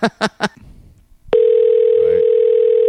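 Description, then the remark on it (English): A few short, sharp bursts are followed by a quiet pause, then a loud, steady electronic telephone tone begins and holds unbroken, like the ringing heard on an outgoing call to a local council member. “So here's the call I made to my council person, because I'm trying to be politically correct.”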